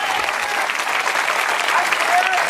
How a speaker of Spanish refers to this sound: Dale fuerte ese aplauso si es a Dios.